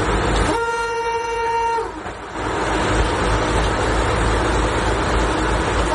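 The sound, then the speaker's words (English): A vintage streamlined, bright red Tatra railcar, the Czech-built Slovenská strela (Slovak Arrow), designed for a fast Prague–Bratislava connection, sounds a steady, loud horn blast lasting about a second and a half, then keeps rumbling along with a constant mechanical roar of the train running. “The streamlined, bright red Tatra train entered service on the 13th of”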